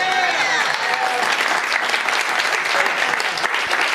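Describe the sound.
Steady, dense audience applause fills the whole stretch, a loud wash of many hands clapping at once with a faint murmur of crowd voices underneath.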